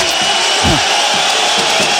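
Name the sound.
spectators applauding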